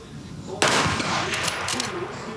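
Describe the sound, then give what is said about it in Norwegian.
A single sharp rifle shot in a target shooting competition, the ninth shot of the series, hitting the centre, cracks out loudly after a moment of quiet, its bright report lingering in a long echoing tail over faint background noise. “Det niende skottet for Finnestadlund.”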